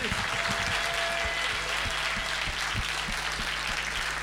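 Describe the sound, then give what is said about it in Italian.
A crowd claps steadily for several seconds for the Associazione Nazionale Alpini di Protezione Civile, a dense, sustained wash of applause with a low hum running underneath and no voices standing out. “Oh, li abbiamo visti in tanti ultimamente in giro per Genova e quindi facciamo un bel applauso all'Associazione Nazionale Alpini di Protezione Civile.”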